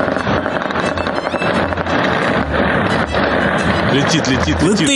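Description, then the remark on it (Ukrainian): Explosions from Ukrainian drone strikes on the Russian Baltic port of Ust-Luga, an oil products export hub with fuel terminals: a dense, loud barrage of booming blasts and sharp cracks over a steady rumble, with voices mixed into the noise. “Лише впродовж одного тижня українські дронові санкції 4 рази успішно дотягнулися до Болотяного порту Устлуга.”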